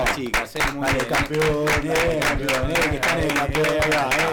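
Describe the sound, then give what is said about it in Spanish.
A small group in the Tiempo Deportivo studio applauds the Sub-12 volleyball champions of the Liga Sur de Vóley steadily for several seconds, a dense, irregular patter of sharp claps with some voices cheering and calling out underneath. “Vamos a saludarlas con un aplauso.”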